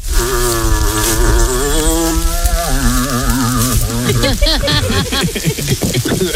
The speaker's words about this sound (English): Elk or a moose, something like that. It's a moose.